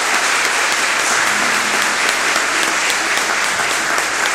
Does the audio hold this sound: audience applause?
yes